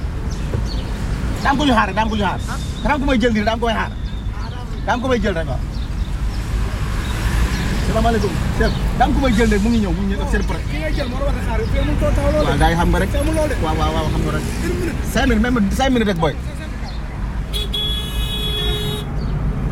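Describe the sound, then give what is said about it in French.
Busy roadside ambience at a bus stop with a steady low rumble of engines and passing buses and other vehicles, a car horn tooting, and people chatting over the traffic noise. “Tu es là dans 5 minutes, alors on essaye de ne pas se faire chasser par les bus.”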